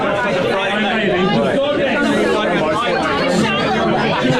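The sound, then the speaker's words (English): Loud, dense crowd chatter fills the busy Falkland Beer Works bar, many overlapping voices blending into a steady roar with no single words standing out, constant throughout. “You can see it's just ever so slightly busy and ever so slightly loud.”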